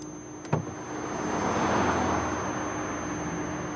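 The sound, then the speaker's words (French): A broad roar of motorway traffic swells and fades as a car speeds past, after a short sharp knock near the start. No one speaks. “Sortir de la voiture face aux autres voitures qui filent.”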